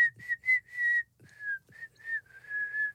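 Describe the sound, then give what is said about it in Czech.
A person whistles a bouncy sailor's tune, a string of short clipped notes followed by longer held ones, with soft low thumps underneath and no talking. “A z nás praví námořníci a klidně jsme si mohli pískat.”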